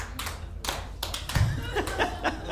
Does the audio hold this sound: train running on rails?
no